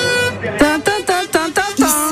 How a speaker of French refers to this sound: Bah, j'entends plutôt de gros klaxons dans mes oreilles, dans nos oreilles à toutes et tous. Et là, un klaxon assez particulier, je sais pas si vous l'entendez.